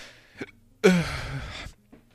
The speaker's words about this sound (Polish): Jakieś czkawki dostałem.